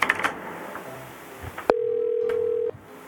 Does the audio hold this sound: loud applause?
no